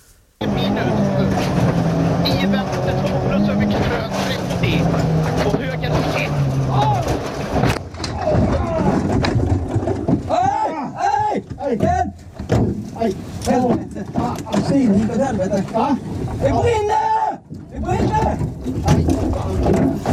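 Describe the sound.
A race car engine drones loudly for several seconds during the Swedish Championship (SM) before a single sharp, heavy crash as the car, its steering column broken, drives straight into a tree; afterward, agitated voices talk over a rough, lingering rumble as the car starts to burn.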